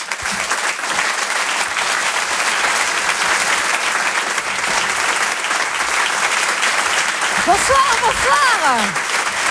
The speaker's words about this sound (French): Merci d'applaudir, s'il vous plaît, très fort